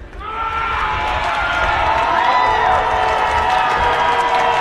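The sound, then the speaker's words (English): A large stadium crowd at a Jacksonville baseball game in the ninth inning roars and cheers continuously as the team's mascot engages with them from the third base dugout, a dense, loud wash of many voices with scattered shouts and whoops rising above it, sustained without a break. “Jacksonville's mascot is on the third base dugout, engaging with the crowd. That's the roar you're hearing.”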